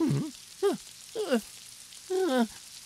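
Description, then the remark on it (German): Steady rain makes a soft, even hiss throughout, broken by four short, pitched sounds that swoop up and down over it. “Und ich glaube, ich brauche jetzt wohl dringend einen Regenschirm.”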